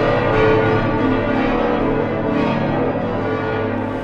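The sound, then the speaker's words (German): Church bells of Braunschweig Cathedral ring out loudly and continuously, their overlapping tones blending with a full, sustained organ that fills the whole stretch without any voices, calling people in for a Tuesday evening service. “Glocken und Orgel rufen in den Braunschweiger Dom hinein.”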